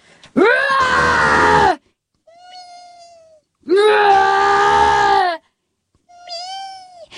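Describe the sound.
A voice imitates the wailing of a crippled, brain-damaged cat: two long, loud, strained yowls, each followed by a softer, thinner whining tone, in an uneven rhythm with short silences between.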